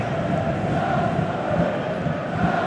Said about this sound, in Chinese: 基本上每次我们看到他作为球队进攻支点啊，在回撤接应再分球之后啊，都会得到现场球迷给出的掌声。